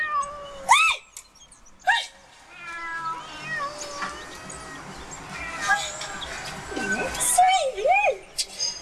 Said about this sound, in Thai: นี่แมวป้าทั้งนั้นเลยโอ้ยโอ้อยู่นี่ ลูกนี่คือแมวของป้า แมวของป้าทั้งนั้นเลยค่ะ 4-5 ตัวนี่ของป้าทั้งนั้น นี่คือของป้าหมดเลย